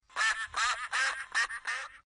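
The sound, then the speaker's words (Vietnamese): A duckling quacks five times in a quick, steady series, each call loud and nasal, with brief gaps between them and no other sounds around. “Con có biết chú vịt con kêu thế nào không? Nó kêu.”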